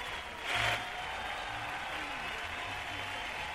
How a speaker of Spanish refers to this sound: Aplausos, no es fanfarria. Ahí está.